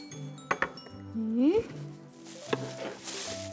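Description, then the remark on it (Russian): Dry millet trickles and hisses through a funnel made from a cone with its tip cut off, spooned into a balloon, with a few sharp clinks of a spoon against it. People talk over the sound throughout. “Так, а теперь благодаря этой воронке мы сможем в шарик насыпать пшено.”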